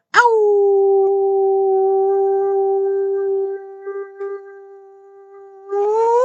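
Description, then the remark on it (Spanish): A person imitates a canine howl: one long, loud note held steady for about six seconds, wavering slightly before swooping upward at the end. “Ahí me salió bien, bien bien chistoso este aullido.”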